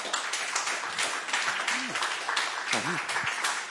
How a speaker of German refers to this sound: Ich höre keine große Begeisterung, aber ich höre ein Ja. Ich habe einen Vorab-Applaus gehört.